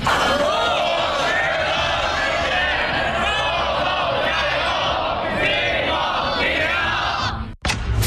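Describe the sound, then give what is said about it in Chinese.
About 500 younger students shout cheers in unison for senior-year students ahead of the gaokao college entrance exam: a loud, sustained roar of many voices with rising and falling chants, ending abruptly with a brief sharp burst. “高考临近送祝福，500名学弟学妹为高三考生加油。”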